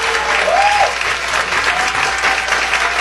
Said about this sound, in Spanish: Voy a tomar este espacio, soy de Venezuela, saben lo que está sucediendo con el terremoto y quiero que desde acá, porque lo estoy grabando, darle un aplauso a los topos mexicanos que hoy son héroes nacionales en mi país. Por favor.